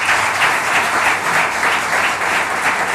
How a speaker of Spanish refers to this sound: Con esos aplausos para el capitán del Cádiz, por todas las personas que decíamos que estaban allí congregadas